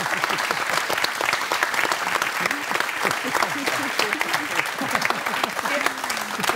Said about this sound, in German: Ja, das ist schon mal ein Applaus wert.